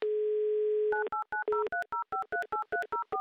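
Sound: telephone dialing tones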